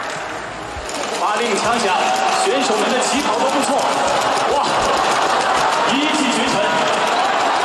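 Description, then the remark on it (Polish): Rapid, tiny pattering footsteps of a small running robot, a fast continuous patter heard over a noisy crowd background with people talking and a murmur of voices throughout. “To posłuchamy, jak biegnie, czy nie?”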